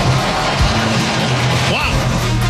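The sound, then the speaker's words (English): A big stadium crowd at Wrigley cheers a Cubs walk-off win over Cincinnati in one continuous, loud roar that holds steady the whole time, with a short rising whistle-like tone cutting through near the end. “Listen to this crowd.”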